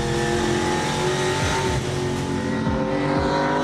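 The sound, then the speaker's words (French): A V8 race car engine roars steadily on a track, its loud, rich harmonic drone rising and dipping with repeated gear shifts and revs, with no talking. “Une auto assez mythique. Et qui procure bah, voilà, le plein de sensations. Et son V8, et bah, il y est pour beaucoup.”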